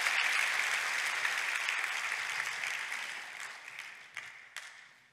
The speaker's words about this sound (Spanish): Date un aplauso. Eso es para ti.